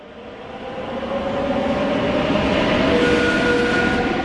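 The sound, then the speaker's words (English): A train running north of Madrid toward Alcobendas rolls along the rails with a dense, steady rumble that swells over the first second, thin metallic squealing tones drifting above it, with no voices. “A short train ride north of Madrid is the municipality of Alcobendas.”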